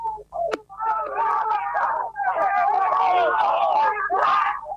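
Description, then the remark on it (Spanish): A crowd of people shouting and cheering in celebration of Bernasconi's first win in the TC Pista race, loud, overlapping voices yelling with rising wails, continuous, with a sharp clap-like hit near the start. “El griterío, la alegría enorme para Bernasconi, ganador por primera vez en el TC Pista.”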